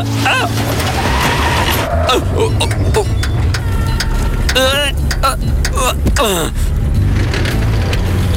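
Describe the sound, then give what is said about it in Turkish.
A car engine rumbles and sputters unevenly beneath sharp tire skids, while a man lets out several loud, exasperated cries. “Gördün, araba bile sinirlendi.”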